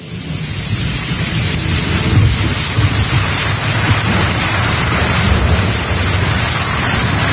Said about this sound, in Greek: Βροχή ακούω, μπουμπουνιτά.